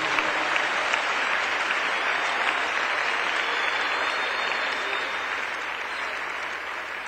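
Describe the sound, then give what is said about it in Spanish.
Steady, dense applause from a crowd, many hands clapping at once in a continuous loud wash that holds for the whole stretch and eases off slightly toward the end. “Le más fuertes las palmas a él.”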